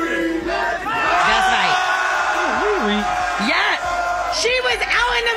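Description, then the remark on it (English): A dense street crowd in New York roars and whoops continuously, celebrating a New York Knicks win into the early morning hours, with rising and falling shouts and chants layered over a steady wash of voices, loud and celebratory throughout. “you see the crowds? For her to be out there, they were out there to the wee hours of the morning celebrating the New York Knicks.”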